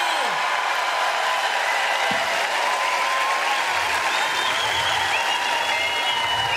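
Steady, loud applause from a large audience, a dense wash of clapping with scattered cheers and whistles rising above it, continuing without a break throughout.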